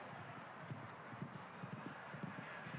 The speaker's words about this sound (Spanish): Quizá no sea un caballo especialmente rápido este, pero sí tiene mucha experiencia. A ver cuántos trancos da aquí.